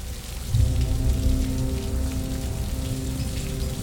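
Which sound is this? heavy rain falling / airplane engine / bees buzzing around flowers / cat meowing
heavy rain falling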